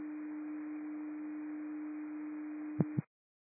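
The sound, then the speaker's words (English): Radio dispatch paging tone received by the Rockport portable unit: one steady, low electronic tone held for nearly three seconds, then two quick clicks before it cuts off into silence. No voices. “Rockport's received the tones.”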